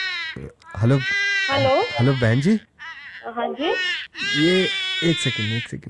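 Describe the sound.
A baby wails loudly in drawn-out, wavering cries that continue almost without pause, while the baby's father speaks over the crying.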